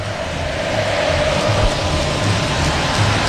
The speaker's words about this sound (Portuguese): O São Paulo é sentimento que jamais acabará. É o que canta o torcedor são paulino.